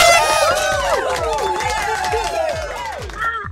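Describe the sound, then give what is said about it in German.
A loud crowd cheers and screams continuously, many excited voices whooping with rising and falling high-pitched shouts, sustained for a few seconds before tapering slightly at the end. “Der Jubel war lauter.”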